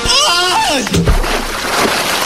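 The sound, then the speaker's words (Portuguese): A falling, descending yell ends in a loud splash as a man plunges into a reservoir of icy water, followed by a couple of seconds of churning, sloshing water noise. “Depois disso, ele tibunga num açude com água gelada.”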